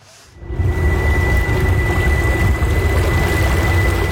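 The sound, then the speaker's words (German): After a brief quiet start, a dense, continuous wash of water slaps and splashes against the bow of a small electric boat gliding through the Lucerne lake basin, with a faint steady electric whine humming underneath. “Nur ein leises Surren hört man, das fast untergeht im Geräusch der Wellen, die gegen den Bug schlagen.”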